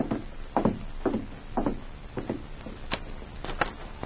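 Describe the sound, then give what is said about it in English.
Several hollow knocks on the wooden door of a cabin at the edge of town late at night, some single and some in quick pairs, falling at an uneven, unhurried pace. Moderately loud, with nothing else heard. “Later that night, Don Ritchie, alone in his cabin at the edge of town, had begun to unlace his boots and prepare for bed when there was a knock on his door.”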